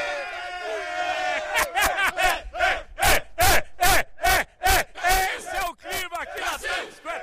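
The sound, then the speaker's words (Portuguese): A loud crowd of Brazilian fans in Times Square, Manhattan, chants and cheers in unison, rhythmic shouted bursts roughly twice a second over a busy outdoor hubbub, energetic. “Deixa eu ver se tem torcida brasileira aqui em Manhattan, aqui na Times Square.”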